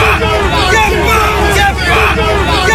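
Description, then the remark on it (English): Hundreds of anti-migrant protesters gathered outdoors in Gosport, a loud, steady babble of many overlapping voices with no single speaker standing out, forming a dense, continuous hubbub throughout. “This is the sound of hundreds of protesters gathered in Gosport just 1 month ago.”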